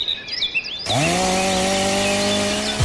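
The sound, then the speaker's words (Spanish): Birds chirp and warble briefly before a Steel chainsaw roars to life, its loud steady engine drone holding at high revs for about two seconds, then cutting off abruptly. “Siente el verdadero poder del corte con la tecnología y precisión de las motosierras Steel.”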